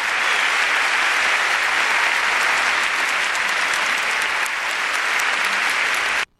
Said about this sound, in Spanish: Quiero pedir un fuerte y merecido aplauso a un gran maestro de la música romántica,